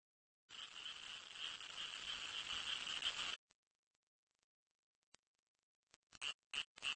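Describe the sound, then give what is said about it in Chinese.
A dense, continuous chorus of male frogs croaking loudly through inflated, resonating vocal sacs for about three seconds, then a pause, followed by a few sharp, rhythmic croaking pulses. “雄青蛙也加入到音乐会的队伍中了。”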